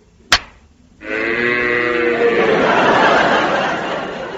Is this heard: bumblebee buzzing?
no